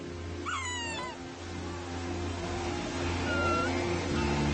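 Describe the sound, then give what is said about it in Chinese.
A sea lion pup calling for its mother gives a high, wavering, cat-like bleat, then a second shorter call a few seconds later, over a steady low rumble of background noise. “很小的时候，海狮宝宝只能呜咽或者咪咪叫，妈妈的叫声和气味指引着宝宝回到他身边。”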